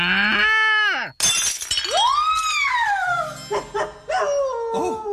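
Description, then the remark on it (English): A china figurine of a girl milking a cow crashes and shatters in one sharp burst of breaking pieces, the cow's leg breaking off, surrounded by a dog's loud, wavering howls and whines before and after the smash. “I'm afraid your cow has broken its leg.”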